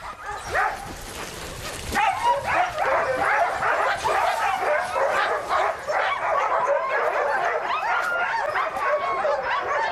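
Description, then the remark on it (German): A chorus of sled dog puppies yips and barks excitedly, with high-pitched whimpers mixed in, the overlapping calls continuous throughout. “Aber ich habe bereits die Welpen für mein eigenes Gespann.”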